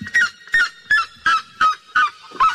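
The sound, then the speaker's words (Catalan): A crested seriema's loud call, exceeding 120 decibels: six harsh, yelping notes in a steady, quick series, forceful, with no voices. “Sembla un gos que fuig, perquè l'entra mitjà de la cua és la Seriá crestat.”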